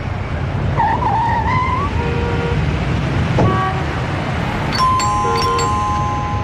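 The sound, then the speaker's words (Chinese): Over a steady rumble of street traffic and a brief squeal of tires, a bright electronic doorbell chime at Shang Xiaoyan's home rings out with a couple of clear, sustained tones near the end. “按响了门铃之后，开门的果然是商小燕。”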